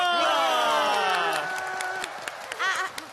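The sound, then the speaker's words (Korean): A crowd cheers with long, falling whoops and shouts while scattered hand claps break through, the clapping growing sharper and more distinct toward the end. “자, 모두 박수!”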